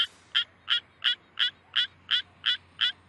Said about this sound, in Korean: 수원 청개구리가 저렇게 힘겹게 별을 움켜쥐면서 저 불편한 자세로 노래를 부르고 있습니다.